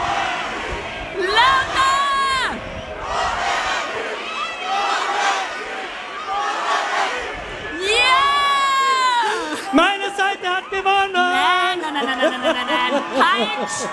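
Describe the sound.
A large outdoor festival crowd on the Donauinsel shouts and chants 'Krone Hit' loudly in unison, a dense roar of many voices with rising cheers and scattered high-pitched yells throughout.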